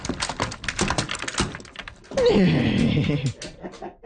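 A puppeteer works a very simple wooden chair marionette, strung like a four-legged animal with the chair back as its neck and head, making it walk with a quick, irregular run of hollow clacks and thumps, fairly loud, followed by a longer creaking, scraping sound that slides downward before fading out.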